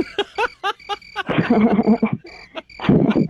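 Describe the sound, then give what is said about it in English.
Crickets chirp in a dense nighttime chorus, played as a sound effect, with rapid repeating trills swelling and fading in fairly loud bursts. No voices are heard. “We played the crickets for you, bro.”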